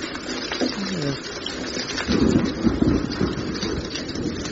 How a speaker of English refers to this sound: What's that noise? It's raining.